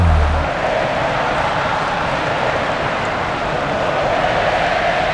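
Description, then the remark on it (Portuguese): A huge crowd at the Maracanã stadium chants Neymar's name during Brazil's match against Panama, their voices merging into a loud, unbroken roar that holds steady for several seconds with no one speaking over it. “Gritos de Neymar.”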